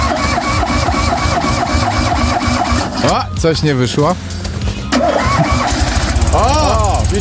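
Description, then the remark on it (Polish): The engine of a car prototype being started by Polish engineers cranks and revs in rough, rumbling bursts with rising and falling whine, sputtering partway through, while people talk loudly over it. “No to zróbmy tak, że tylko u nas nagranie z odpalania prototypu przez polskich inżynierów.”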